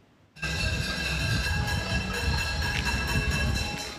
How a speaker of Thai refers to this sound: เสียงเคาะหม้อเคาะกระทะดังกึกก้องในพื้นที่กรุงฮาวาน่าของคิวบาหลังจากกลุ่มผู้ประท้วงเชิญชวนและนัดหมายทางออนไลน์ให้ร่วมกันแสดงออกด้วยพิธีนี้เพื่อเรียกร้อง